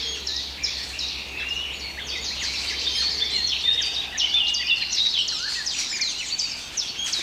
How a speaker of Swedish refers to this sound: Det som smackar där, det är svarthättans lockläten. De är ute och söker föda och rör sig i trädet också.